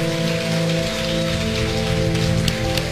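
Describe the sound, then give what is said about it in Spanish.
A church audience applauds with hands raised above their heads in a dense, steady wash of clapping that holds at an even loudness for the whole stretch, over a sustained low musical drone. “Por un momento levanta tus manos y dale tu mejor aplauso por arriba de tu cabeza.”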